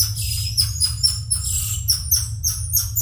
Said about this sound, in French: Ce petit cri strident, voire sifflant, est celui du tamarin lion. Un primate qui fait partie de la famille des Calitrichidae, comme le Ouistiti, à savoir un petit singe de moins de 30 cm et pesant en moyenne 500 grammes.